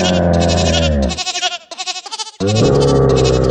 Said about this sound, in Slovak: Máme tu kozu, ktorá napodobňuje syntetizátor.